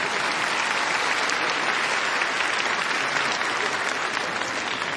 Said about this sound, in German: Einen großen Applaus für Ludwig van Beethoven.